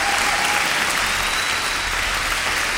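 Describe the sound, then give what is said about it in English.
Sustained applause from a crowd, a dense steady wash of clapping that stays loud and even throughout, with no talking over it. “I'm just keeping the applause going, I'm pretending it's for myself.”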